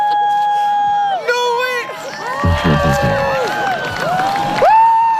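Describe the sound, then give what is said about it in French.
A crowd watching the spring 2024 solar eclipse lets out rising, overlapping cries and excited exclamations, sustained whoops and shouts swelling and falling together, with a brief burst of low rumble midway. “Je ne sais pas si on a entendu les mêmes cris, les mêmes exclamations, effectivement, en Espagne, parce que ça, c'était chez nous au printemps 2024.”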